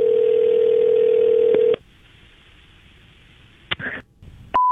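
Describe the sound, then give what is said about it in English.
A steady telephone tone hums for nearly two seconds, cuts out into quiet line hiss, then a couple of short clicks and a brief chirp before a new higher tone starts at the end, as a prank phone call is placed to leave a message for someone's boss. “So I'm going to call and leave a message for her boss that is impossibly long.”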